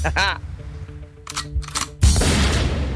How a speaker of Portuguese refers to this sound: Manda um tiro de 12 pra nós aí. Pá!